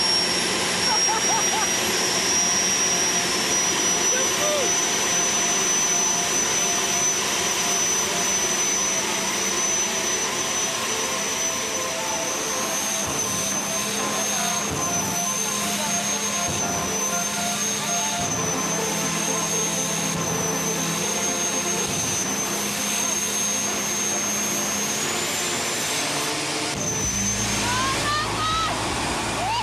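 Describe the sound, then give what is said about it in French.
A car engine roars loudly and steadily from inside the car, a dense rushing drone with a high whine running over it, shifting pitch near the end, with voices faintly underneath. “Oh le bruit, vous imaginez même pas le bruit que ça fait à l'intérieur de la voiture.”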